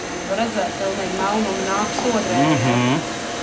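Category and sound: machine, vacuum cleaner running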